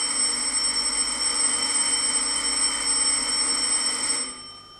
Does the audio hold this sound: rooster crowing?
no